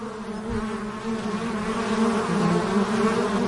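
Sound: wild bees buzzing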